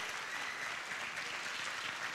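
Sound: audience applauding in church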